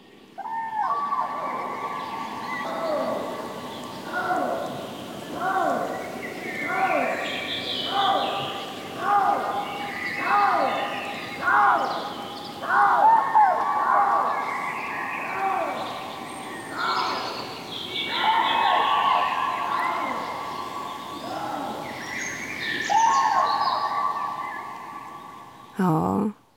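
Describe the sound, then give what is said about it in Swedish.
Loud, repeated trumpeting calls of common cranes mixed with harsh, wailing lynx cries at night in the Siggefora area outside Uppsala, coming in a steady series of pulsing, raspy bursts with no one speaking. “Och här är en häftig kombination som man kan få höra i Siggeforaområdet utanför Uppsala. Trana och lodjur.”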